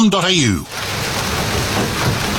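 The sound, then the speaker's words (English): A brief sweeping, voice-like tone fades into a steady, dense hiss of heavy March rain pouring down, continuous and fairly loud with no breaks. “March, the rains are here. When it finally rains, it pours.”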